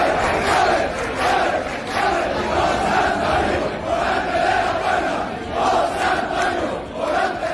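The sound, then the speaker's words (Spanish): A large crowd roars and cheers in the streets of Seville on a Thursday night after bullfighter Morante de la Puebla left through the Puerta del Príncipe for the third time during the Corpus festivities, a dense, sustained wall of voices with rhythmic swells of chanting rising and falling every second or so, loud throughout with no single voice standing out. “Abrió la puerta del Príncipe por tercera vez y se desató la locura en las calles.”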